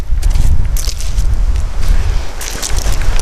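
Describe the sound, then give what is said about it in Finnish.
Loud, continuous strong wind buffets the microphone with a deep, gusting rumble that never lets up, while faint crunching steps and rustles come and go over the roar, at a lakeshore building site in North Karelia, Finland, beside an old red log cabin. “Ja mennäänkin muuten kovassa tuulessa.”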